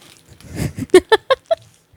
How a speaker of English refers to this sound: It had good crunch. I could audibly hear the crunch. And these were picked up like an hour ago-ish, and they still have crunch, so that's good to know.